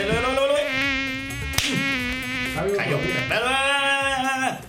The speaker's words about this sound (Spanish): la verdad es que es claro, berraco zancudo, son como los familiares de uno, hermano.